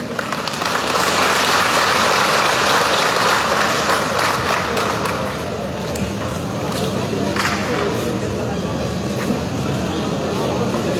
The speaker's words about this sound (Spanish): Vamos a invitar a nuestro hermano Evo Morales Ayman. Y lo recibimos con fuertes aplausos, hermanos.